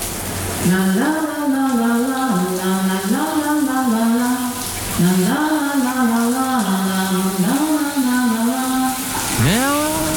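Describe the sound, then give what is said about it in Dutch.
A shower tap is turned on behind an old-fashioned shower curtain and runs with a steady hiss of spraying water while someone hums or sings a wordless melody loudly over it, pausing briefly between phrases. “Daar gaat de kraan.”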